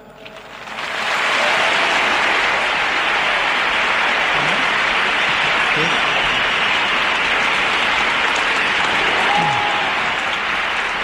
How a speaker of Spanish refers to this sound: Entre aplausos acaba ese mensaje del Santo Padre de León XIV en Santiago Bernabéu, con esas 70.000 personas en pie aplaudiendo esas últimas palabras de León XIV en ese encuentro con la comunidad diocesana.